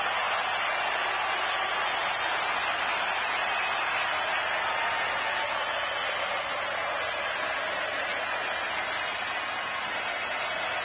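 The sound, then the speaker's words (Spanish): A huge stadium crowd applauds as Messi appears before Argentina's match against Jordan, in a dense, unbroken wash of clapping and roar that holds steady and loud for about eleven seconds, with no voices standing out. “Aparece Messi, se transforma en aplauso.”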